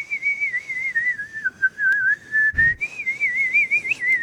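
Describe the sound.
A single person whistles a melody with a wavering vibrato, one continuous clear tone wobbling up and down in pitch, with a brief low thump near the middle and no talking.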